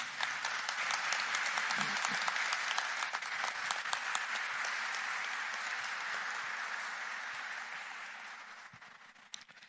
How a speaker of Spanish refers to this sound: hoy, fiesta de la Transfiguración del Señor Jesús, los siguientes sacerdotes de la arquidiócesis de San Juan de Puerto Rico Están celebrando, os felicito y agradezco de corazón sus fiats y perseverancia. Un aplauso para ellos.